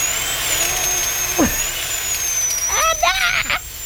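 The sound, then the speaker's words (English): A dentist's drill whirs with a steady, high-pitched whine that runs unbroken through the whole clip, while brief muffled vocal sounds rise and fall beneath it. “The drill. Oh, dentistry.”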